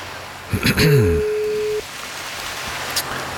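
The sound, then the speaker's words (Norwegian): A phone line rings once with a steady, mid-pitched electronic tone lasting about a second, just after a brief burst of warbling, sliding tones, then low hiss, as a call is placed live on air. “Ja, det ringer.”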